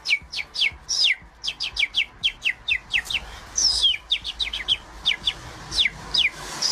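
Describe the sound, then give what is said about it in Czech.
A radio listener calling in live to a morning show whistles an imitation of birdsong: a quick, steady run of dozens of high, downward-sweeping chirps, fairly clear, with no talking over it. “umí napodobit ptačí zpěv, vždyť to je nádherně, to úplně uklidnilo.”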